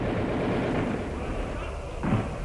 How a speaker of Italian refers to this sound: E gli spari? Ancora degli spari?